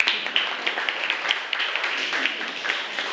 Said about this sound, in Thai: ปรบมือให้กับเพื่อนด้วยค่ะ